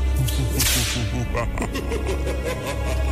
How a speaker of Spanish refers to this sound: Ahora ahí están los latigazos para el compa fantasma.